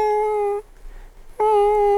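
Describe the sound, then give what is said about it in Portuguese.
Two loud, steady, whistling chest wheezes caused by airway constriction, with a thin, kitten-like tone, each held about half a second or more and separated by a brief quiet pause. No one speaks. “O resultado é o chiado. Tosse seca, chiado no peito. Você ouve o gatinho.”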